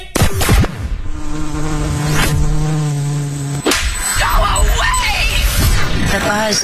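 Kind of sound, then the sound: sound effect, insect buzzing sound effect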